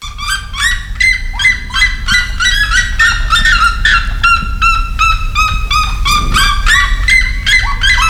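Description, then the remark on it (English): A male and a female bird trade loud, rapid honking calls in a continuous back-and-forth duet at close distance to each other, dense overlapping harmonic notes repeating steadily throughout, forceful over a low background rumble. “the males and the females are calling really loudly as well. Yeah, there's a good picture of them. So they will duet at each other”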